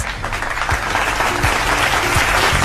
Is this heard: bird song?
no